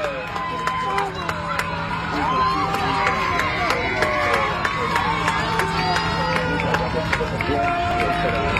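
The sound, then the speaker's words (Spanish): A dense, loud crowd shouts and cheers celebrating the Argentines, voices overlapping continuously with sharp bursts and whoops. “Y ahí festejando a los argentinos a todo lo que da”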